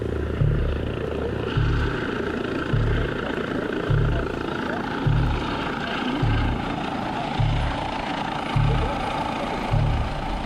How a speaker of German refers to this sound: Es ist so, dass der Hubschrauber immer gegen den Wind landet. Und der Einweiser, der am Landeplatz steht, der stellt sich so hin, dass er den Wind im Rücken hat. Dann weiß der Hubschrauberpilot auch, wo der Wind herkommt.